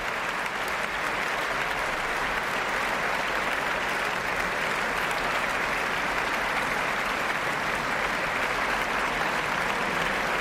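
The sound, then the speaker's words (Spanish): Sustained, dense applause from a large concert audience for the Orquesta Nacional de España, standing with conductor Josep Pons, a steady wash of clapping at even loudness throughout with no voices standing out. “Y de nuevo es toda la orquesta puesta en pie junto con Josep Pons, quien recibe estos aplausos.”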